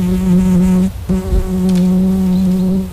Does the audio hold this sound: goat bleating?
no